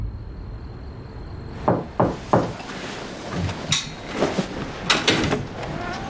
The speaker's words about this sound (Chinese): 喂，干嘛我一敲门你就关灯啊？这门上面有玻璃窗户，我可以看到啊。